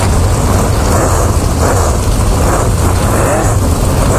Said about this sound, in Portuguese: Só pra você ter ideia, ele me mandou até o ronco do motor aqui do foguetinho, que tá uma maravilha, quer ver? Ó, ele mandou aqui pra mim, ó.